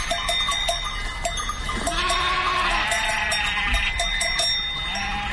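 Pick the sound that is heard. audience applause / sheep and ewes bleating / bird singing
sheep and ewes bleating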